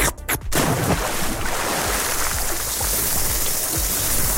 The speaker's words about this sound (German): Also Eisschlecken, ins Wasser springen und grillen.